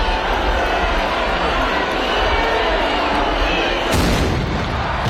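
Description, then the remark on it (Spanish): A dense crowd roars and murmurs for several seconds. Near the end a single loud ceremonial cannon shot booms out, opening the Semana Grande festival week in Donostia, its heavy blast rolling over the noise of the gathering. “Este cañonazo daba el pistoletazo de salida de la semana de fiestas”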